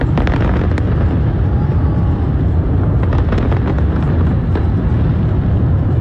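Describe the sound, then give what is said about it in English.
Fireworks from a show launched from the Brooklyn Bridge in New York City explode in a dense, continuous barrage, sharp cracks and pops layered over a constant low rumble of booms, loud, with no clear pauses. “The flames broke out on the Brooklyn Bridge during the fireworks show.”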